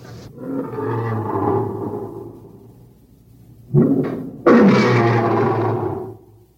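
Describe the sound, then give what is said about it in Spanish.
Lions in the vivarium of an amphitheatre, brought from Africa, roar in two long, deep, rumbling bursts, loud, the second one rising abruptly and swelling before fading out, with no voices around them. “Son los leones que rugen en el vivarium del anfiteatro.”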